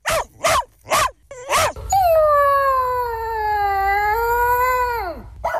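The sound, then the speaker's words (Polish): A happy dog gives four quick, high whimpering yips, then launches into one long, steady howl that holds for several seconds before dropping away, fairly loud with no talking. “Na cześć szczęśliwej Igi, szczęśliwe pieski.”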